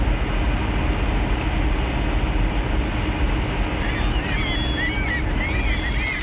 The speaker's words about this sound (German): Erst nahm der Wind zu, dann setzte auch noch Regen ein und im Nu war der Horizont nicht mehr zu sehen.